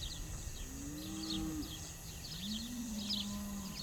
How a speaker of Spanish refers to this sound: Grandes rebaños de vacas campean por las dehesas, ramoneando y aprovechando los mejores pastizales.